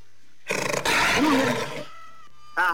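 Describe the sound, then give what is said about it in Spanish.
A jaguar roars loudly in an advertisement for the veterinary pharmacy Farmacia Veterinaria Jaguar, a raspy, rumbling blast that starts with quick stuttering grunts and swells for over a second before fading, followed by a short, sharp second growl. “Oye, y para los animalitos de la creación, Farmacia Veterinaria Jaguar se pone a su servicio Ruge.”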